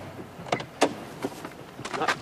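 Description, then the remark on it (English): A man climbing out of a car: a few short clunks and rustles of the door and seat, spaced unevenly over a couple of seconds, with no talking. “He gets out of the car.”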